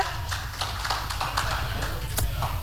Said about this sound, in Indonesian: Kita berikan tepuk tangan untuk 3 delegasi kita.